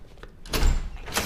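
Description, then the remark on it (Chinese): A home's front door being opened for someone arriving at dinnertime: a solid clunk with a rattling, sliding rush of noise, followed a moment later by a second brief scrape. No one speaks. “开门去。”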